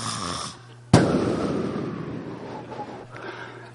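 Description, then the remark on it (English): A voice imitates loud snoring: a low droning buzz, then a sudden explosive snort that trails off into a rough, rattling breath before the hum returns. “See, Bernard snores. He don't only snore, he puts him apoos in there.”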